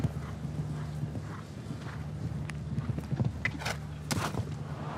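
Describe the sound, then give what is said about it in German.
A ridden horse's hooves clip-clop in an uneven rhythm over steady low rumbling, with a few sharper knocks and scrapes mixed in; no voices. “Sie sehen, wie der Reiter seinem Pferd so ein bisschen helfen muss.”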